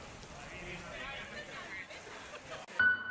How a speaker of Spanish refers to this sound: Con esta fuerza caía el agua y el granizo en Pamplona, después de varios días con temperaturas asfixiantes de 40 grados, los termómetros han caído de golpe.